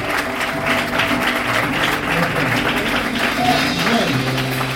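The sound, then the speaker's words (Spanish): A crowd applauds the children steadily, a dense wash of clapping that stays at an even level throughout, with a low musical hum and some voices blending underneath. “Denle un fuerte aplauso a ellos, por favorcito.”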